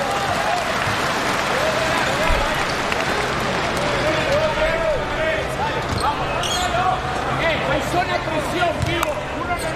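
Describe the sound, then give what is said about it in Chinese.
Steady audience applause and crowd noise at a basketball game with China's team, encouraging player Li Hongquan, fill the whole stretch at an even, fairly loud level, with a man's voice talking over it and occasional ball bounces in the mix. “没关系，掌声鼓励一下李洪权，加油加油！”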